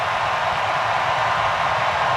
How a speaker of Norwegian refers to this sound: hør på publikum også som ser dette på storskjermen.